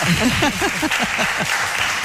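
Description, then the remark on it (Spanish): A small audience at a radio programme claps steadily throughout, a dense patter of hands, with a few voices calling out and chattering over the applause. “Seamos poquitos, aplausos.”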